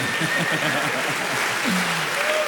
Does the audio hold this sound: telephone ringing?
no